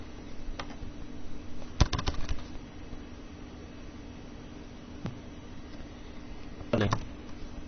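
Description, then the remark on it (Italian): A handful of sharp computer keyboard taps, scattered and irregular with a short burst of clicks near the start and another near the end, heard over a steady low hum with no one talking. “Perché non, perché la tastiera non scrive?”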